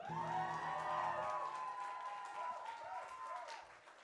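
An audience at a live band concert claps and cheers steadily for about four seconds, with whoops and a sustained tonal sound over the crowd noise that fades slightly toward the end.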